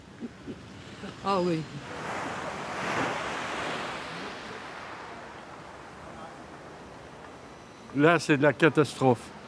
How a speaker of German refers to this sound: Und das Meer ist wunderschön. Das Meer ist vollkommen ruhig.